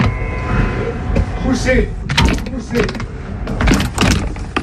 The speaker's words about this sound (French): Poussez. Ça y est, j'ai réussi. Un peu archaïque cette porte.